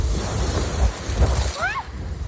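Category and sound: nature, strong gusting wind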